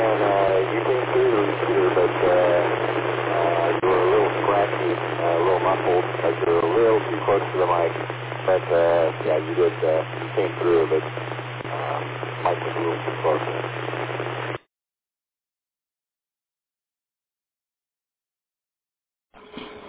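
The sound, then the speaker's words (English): A garbled radio transmission, muffled voice-like sounds smeared under harsh static and a steady low hum, running continuously for about fourteen seconds before cutting off abruptly into silence. “Your signal is unreadable and it's a huge amount of static.”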